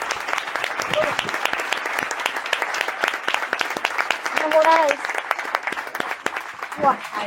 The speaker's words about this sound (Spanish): No, y un fuerte aplauso a esta primera mesa.